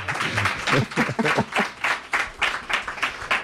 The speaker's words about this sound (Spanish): Bueno, un aplauso.